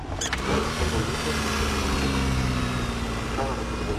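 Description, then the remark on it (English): A vintage Austin 7 car engine, started with a crank handle, runs steadily at a fast idle, fairly loud, with a low rumbling throb and a brief mechanical clatter near the start. “it sounds great. Yes, it's really running well.”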